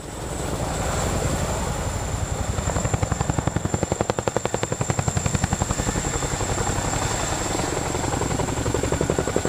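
A helicopter's rotor thumps in a steady, rapid beat over a broad engine roar and a high whine, loud, holding throughout with no voices.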